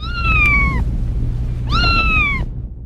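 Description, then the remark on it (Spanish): A cat meows twice, two drawn-out, slightly falling cries separated by a short pause, loud over a steady low background rumble. “Afortunadamente no lo lograron, el gato está bien.”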